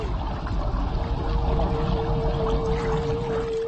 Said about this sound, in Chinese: 随后，领头的座头鲸制造出一道气泡帘幕，将鱼群紧紧包围，迫使鱼群向水面游去。鱼群看到无法穿越的气泡墙，进退两难，而且仓皇失措